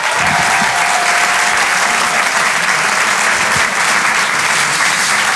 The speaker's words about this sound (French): Faites du bruit s'il vous plaît et un tonnerre d'applaudissements pour Sébastien Marx.